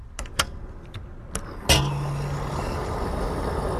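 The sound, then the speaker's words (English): A few sharp clicks and taps, then a car engine starts up and settles into a steady rumble over outdoor vehicle noise at a gas station. “I'm here at the gas station right now, and if you, like many Americans, fill up your car with gas, you know very well that the price has jumped up in recent months.”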